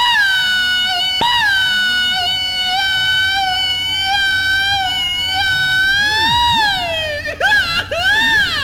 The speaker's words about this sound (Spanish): Yo traigo dos tipos de grito, mire. Ahí va el otro, mire.